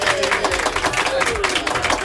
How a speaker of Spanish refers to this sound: Pues el aplauso para ti